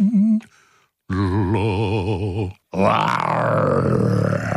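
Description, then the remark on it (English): A man's voice imitates a lion's roar in deep, rumbling bursts: a short growl, then a long wavering roar with a tremolo, and a rougher, rising roar after a brief pause. “I love my voice when I do a lion.”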